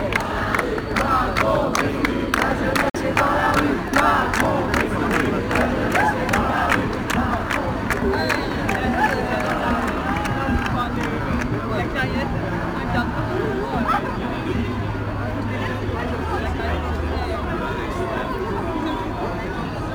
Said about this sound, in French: ces applaudissements pour...